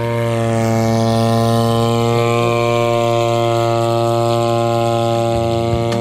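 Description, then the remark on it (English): A steady, loud mechanical whine of a drone (UAV) in flight on a hillside in South Canterbury, New Zealand, used to fight wilding pines and weeds; its buzzing motor tone holds a constant pitch with rich harmonics throughout, no voices present. “It is classic onomatopoeia, the droning sound of a drone in flight, aka a UAV or unmanned aerial vehicle.”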